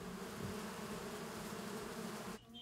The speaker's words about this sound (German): Seit 11 Jahren leben auch Bienenvölker auf dem Hof.